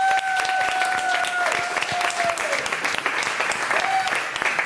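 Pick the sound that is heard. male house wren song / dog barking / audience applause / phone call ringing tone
audience applause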